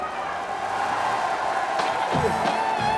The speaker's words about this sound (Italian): Ecco qua, vedi? C'è l'applauso dello studio di Porta a Porta.